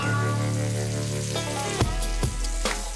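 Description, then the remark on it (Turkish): Steady sizzling of a large hamburger bun frying in garlic butter in a hot pan, with a few sharper crackles and pops punctuating the continuous hiss; no one speaks. “Ekmeklere yoğun kıvam katmak için sarımsaklı tereyağında kızartılıyor.”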